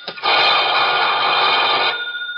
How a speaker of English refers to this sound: No! I can't lift it! I'm too small! I can't lift it off the cradle! Don't stop ringing, please! I'll lift it somehow!